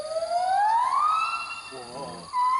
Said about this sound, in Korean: 약간 저기 돌고래 그 초음파 소리도 나요 좀. 어 저기 같이 노래 부르고. 이웃도 뭐야? 아 이웃집에서 노래를 불러요? 어. 근데 우리가 생각하는 영장류 소리랑 굉장히 다르죠. 정말 노래라고 할만하죠.